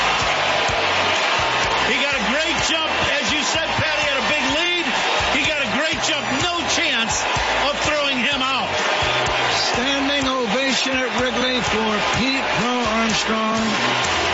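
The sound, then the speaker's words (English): A dense, loud baseball stadium crowd roars and cheers continuously, with shouts and whoops rising from a constant wall of voices, no clear speech standing out, as Cubs player Pete Crow-Armstrong steals second base for 40-40. “Listen to this crowd.”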